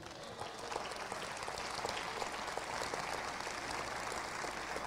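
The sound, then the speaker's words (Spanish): An audience claps together in sustained, dense applause for God during a sermon, several seconds of a steady crackle of many hands with no one speaking. “¿Cuántos dan un aplauso a Dios?”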